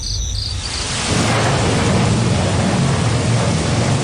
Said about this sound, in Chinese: 哎，怎么说着说着就下雨了呢？ 当盛夏的闷热到达顶点，天空总会以一场雷雨作为回应。